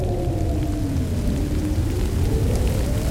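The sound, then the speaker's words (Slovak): Rain starts to fall and keeps falling without a break, a dense hiss of drops over a deep low rumble that could be thunder. There is no talking. “A ešte aj toto. Začína pršať.”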